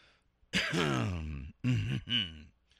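A man clears his throat with one long, gravelly, voiced rumble followed by two shorter bursts. Each sound is loud and deliberate, with a brief pause between them and nothing else around.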